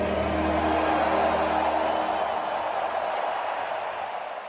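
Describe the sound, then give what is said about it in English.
A huge crowd at SoFi Stadium in Los Angeles roars and cheers at the end of O Canada in a dense, steady wash of noise. A low sustained tone fades out in the first couple of seconds, and the roar eases slightly toward the end. “Listen to the crowd roar at the end of O Canada at SoFi Stadium in Los Angeles.”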